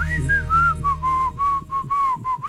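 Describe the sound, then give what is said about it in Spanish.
A person whistles a short tune of about eight sliding, sustained notes, clear, with a faint low background hum beneath and no talking. “mejor chiflala. No sé chiflar.”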